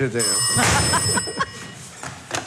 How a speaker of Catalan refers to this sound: Oi, el telèfon. Ja l'agafo, ja l'agafo.